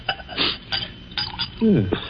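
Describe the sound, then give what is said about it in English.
Clear clinks of glassware being handled, with a short burst of brandy poured into a glass. “Then perhaps you wouldn't mind pouring me a little.”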